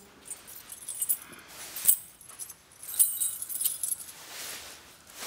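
Keys jangle and clink in several metallic bursts, bright and high, with brief pauses between rustling handling sounds and no voices.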